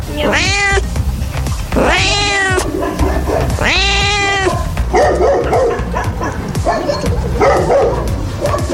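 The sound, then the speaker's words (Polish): Three loud, drawn-out cat meows ring out one after another at the Dolina do Listówki animal shelter, followed by a busier stretch of mixed animal calls where dogs bark and yelp among the cats. “Boksy dla psów są ocieplane, a woliery dla kotów muszą być przykryte plandekami.”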